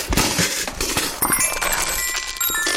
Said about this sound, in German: Hier, das hat sogar dabei noch Musik gemacht. Mein kleines Metallophon ist mir rausgepurzelt.